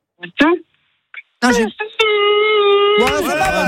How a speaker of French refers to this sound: Je veux que tu hurles, mais t'as intérêt d'hurler, hein, sinon on garde la carte. Je veux que tu hurles ici, très très fort, vas-y, dans la rue. Vas-y, ici, vas-y.